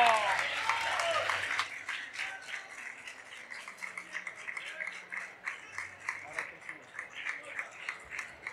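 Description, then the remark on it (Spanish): A crowd at the Sporting de Gijón fan zone bursts into loud, dense applause for a wrestler in the morning. The applause holds steady, then thins into scattered, rhythmic clapping as it fades toward the end. “Pido un aplauso enorme”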